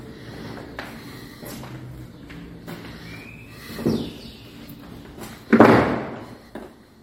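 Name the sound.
door opening or closing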